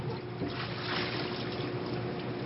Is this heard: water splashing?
yes